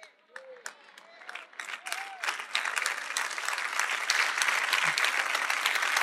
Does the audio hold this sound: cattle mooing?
no